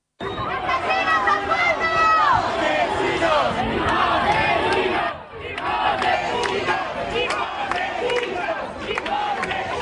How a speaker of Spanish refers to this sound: amplio dispositivo policial para tratar de contener a los activistas radicales aquí concentrados, que no han dudado en intentar romper el cordón policial, empujándoles, insultándoles con gritos de asesinos, fascistas, sinazis. Esto es lo que decían.